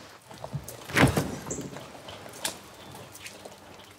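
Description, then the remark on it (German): A door is opened with a single clunk and brief rattle, followed by faint shuffling and soft scraping in an otherwise quiet space. “Jetzt mach die scheiß Tür auf, da.”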